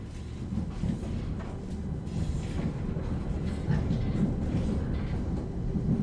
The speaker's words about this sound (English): And gatang gatang rattle the wheels of the railway train.